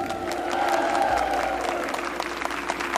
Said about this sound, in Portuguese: quem concorda comigo, aplaude aí.